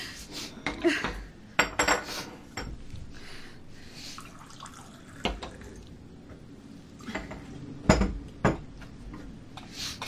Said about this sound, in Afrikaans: Want die koffie is klaar. Ek skink vir jou.